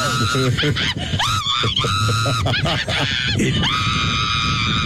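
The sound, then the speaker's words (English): Several riders scream loudly and continuously on an amusement park ride that lifts them about 16 stories and tilts them over to hang facing straight down, shrill voices swooping up and down in pitch, with bursts of laughter breaking in between the screams. “I like the laughs in between the screams.”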